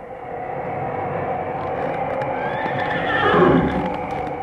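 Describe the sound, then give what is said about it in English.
A country doctor's horse, Billy, lets out a single loud whinny partway through, its high neigh rising and falling over a steady rumbling background noise, halted by a snow drift too deep for it. “Through mud and sleet and snow and rain, he drove his faithful horse, Billy, and sometimes even the horse couldn't make it.”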